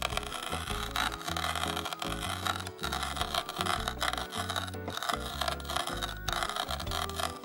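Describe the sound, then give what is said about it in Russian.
Coriander seeds, toasted in a frying pan, being crushed on a board, a continuous crunchy grinding and scraping in steady repeated strokes, fairly loud, with a low pulsing tone running underneath and no voices. “И вот такими движениями, с приятным хрустящим звуком, мы его измельчаем. Когда кориандр подсушен на сковороде, он очень легко измельчается.”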